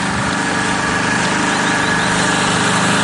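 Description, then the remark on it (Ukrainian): The engine of a Ukrainian Furia reconnaissance drone, launched by cadets, runs at a steady, high-pitched buzz, loud and continuous like a two-stroke motor, with a faint rising whine toward the middle and no voices. “Аби максимально точно коригувати удари артилерії, курсанти запускають «Фурію» – український розвідувальний безпілотник.”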